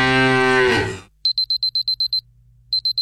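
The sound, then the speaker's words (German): A loud, drawn-out cow moo from a mooing Müllermilch milk bottle sinks in pitch and stops abruptly, followed by a quick run of high electronic beeps, a short pause, then a few more beeps. “Finde eine der noch 4 verbleibenden Muhenden Müllermilchflaschen und gewinne 50.000 €”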